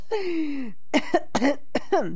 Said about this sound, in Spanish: Ay, hasta me dio la tos, oigan.